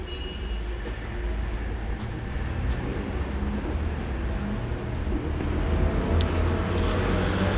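A transport-service truck rumbles past on Rue de Bussy, a busy city street, its deep, steady engine drone filling the scene and swelling slightly as it approaches amid ongoing traffic noise.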